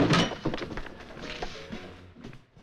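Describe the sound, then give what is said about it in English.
A closed door is forced in with a loud crash at the start, followed by several more splintering thuds and clatters that gradually fade. “We better break it in.”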